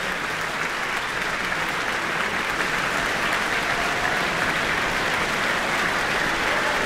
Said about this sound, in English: Not only the audience, but the orchestra applauding Li Wei-Chin as well.